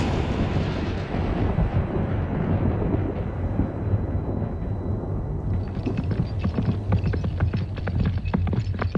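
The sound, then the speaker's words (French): A heavy, continuous low rumble of thunder from a storm rolls throughout, loud, with sharp crackling bursts joining in toward the end. No voices are heard. “En plus, certains habitants maîtrisent un art magique diabolique qui leur permet de déclencher, quand ils le souhaitent, des orages, des tempêtes et de gros coups de tonnerre.”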